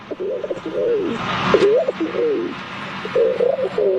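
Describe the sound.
A 12-year-old boy imitates a rock pigeon, making soft, throaty cooing sounds in three warbling bursts, fairly loud, with a faint background hiss.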